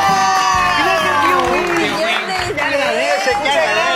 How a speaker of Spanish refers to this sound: Ahora la cuenta regresiva, espera. 5, 4, 3, 2, 1... ¡Un millón de isleños! ¡Un aplauso!